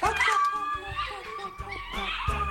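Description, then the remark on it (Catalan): An old golden retriever lets out a long, wavering, moaning vocalization, rising and falling in pitch for a couple of seconds, somewhat cow-like and fairly loud, with no talking over it. “Després tenim un golden, que és molt vell, però sí, que a vegades sembla que sigui una vaca.”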